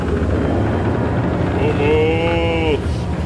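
A storm at sea as the wind rises, the raging sea whips up waves and a ship sinks: a loud, steady roar of wind and churning waves fills the whole stretch, with a howling, whistle-like tone rising above it for about a second midway.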